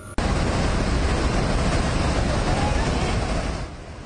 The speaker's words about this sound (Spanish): Tres miembros de una familia quedaron atrapados en el balcón de esta casa de dos pisos, mientras una enorme corriente de agua, lodo y escombros destruía todo a su alrededor.